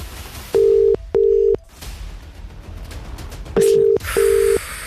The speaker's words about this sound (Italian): ella mette un numero di telefono, sto a guardare, va bene, bene.